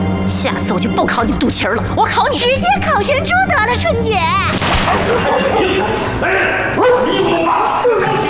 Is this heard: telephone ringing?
no